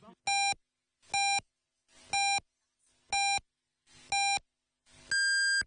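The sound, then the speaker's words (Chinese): Radio time-signal pips on Yanbian Radio and Television's traffic and arts station: five short, evenly spaced electronic beeps about a second apart, then a longer, higher-pitched final tone marking 11 o'clock Beijing time. Loud, clean and alone, with no talking. “北京时间11点整，”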